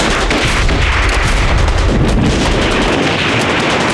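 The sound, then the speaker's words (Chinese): A loud, dense wall of battle noise during a retreat: gunfire crackling and heavy artillery fire rumbling together without pause, a continuous roar with scattered sharper cracks and no voices. “哎，老爷，哎，你听，这枪声细了不少。”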